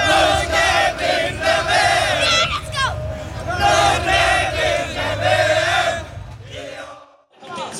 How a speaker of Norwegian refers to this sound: Det er ikke bare norske fans i USA som feiret seieren. Over hele Norge var folk ute i gatene og jublet over Norges historiske VM-åpning.